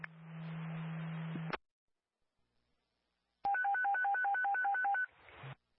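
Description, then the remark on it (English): Radio dispatch alert tones: a burst of static with a low hum, a brief silence, then a rapid string of beeps alternating between two pitches over steady radio hiss. “Truck 15 on the response, disregard tones, disregard tones.”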